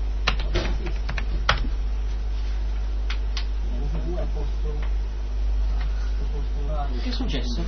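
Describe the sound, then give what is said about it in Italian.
Irregular clicks of keys on a computer keyboard as the command "boot NFS" is typed, a quick burst of keystrokes, with faint voices murmuring in the background. “digitato boot NFS.”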